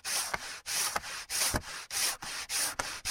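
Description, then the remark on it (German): Sandpaper rasping back and forth over wooden parts in steady, rhythmic strokes, about six to seven passes, clear with no talking, sanding the parts smooth for building a wooden locomotive. “Jetzt haben wir alle unsere Holzteile perfekt glatt geschliffen.”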